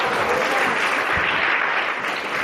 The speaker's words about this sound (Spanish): Dele un aplauso al Cristo de la gloria.